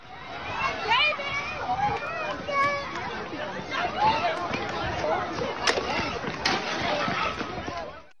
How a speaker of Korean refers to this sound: 곧이어 울타리를 무너뜨리며 한꺼번에 인파가 쏟아져 나오고 공포에 질린 비명이 사방에서 울립니다.